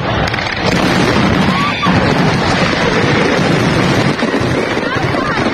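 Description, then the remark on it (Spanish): Fireworks rockets explode in a dense, continuous barrage at a fireworks display in Fuenlabrada on Sunday, the loud overlapping bursts merging into a steady roar, with a brief whistle partway through and voices faint underneath. “En Fuenlabrada, 4 personas resultaron heridas durante el espectáculo de fuegos artificiales este domingo.”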